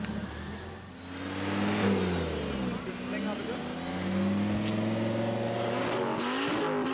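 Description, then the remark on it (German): A loud tuned car engine revs during a noise test, its roaring pitch climbing and falling through several throttle blips, then holding a steady, rumbling high idle to the end. The car is allowed 92 decibels and its exhaust has a flap that bypasses the silencer when open. “Besonders beliebt der Lärmtest. Umdrehung hoch.”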